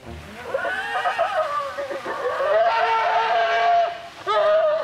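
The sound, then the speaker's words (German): Four bears, Julia, mother Puna, Lima and Carlos, squabble over carrots and apples at a widely spread-out breakfast, letting out loud, wavering screams and bawling cries that rise and fall in pitch, overlapping almost continuously for several seconds. “Große Schreierei um nichts.”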